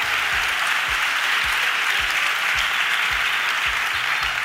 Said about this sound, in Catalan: Doncs escolta'm una cosa, moltes gràcies, un aplaudiment, sisplau.